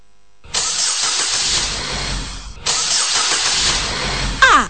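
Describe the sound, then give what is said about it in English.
A car engine turns over twice in close succession, each attempt a loud, sustained mechanical roar with a brief gap between them and a short squeal at the end; no one speaks. “Edie kura na mi engine ni chechre.”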